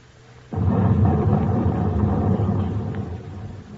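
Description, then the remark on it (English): A low hum suddenly gives way to a heavy, booming depth charge ('ash can') blast underwater, heard from a submarine at 80 feet with engines off; its deep rumble rolls on for several seconds and only slowly fades. “There's the first ash can, Skipper.”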